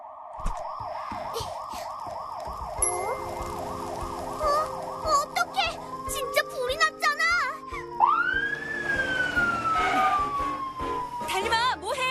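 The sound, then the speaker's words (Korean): A fire truck siren blares, first a fast repeating warble, then a long wail that sweeps up and slowly falls, with other bustling noises around it. “이거 소방차 소린데?”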